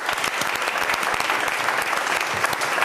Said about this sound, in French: Déjà, vous pouvez vous applaudir, le public, parce que vous avez bien joué.